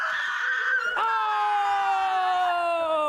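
A loud, sustained human scream held for about three seconds, its pitch sliding slowly downward with a strained, tonal quality, with no talking over it.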